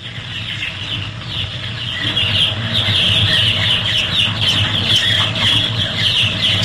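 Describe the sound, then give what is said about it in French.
A crowd of chicks peeping nonstop in a henhouse, a dense chorus of shrill, overlapping cheeps over a steady low hum, growing slightly louder after the first couple of seconds. No one speaks. “Ça, c'est dans un poulailler, ça. Ouais, non, mais c'est quoi exactement? Bah, c'est des poussins, ça.”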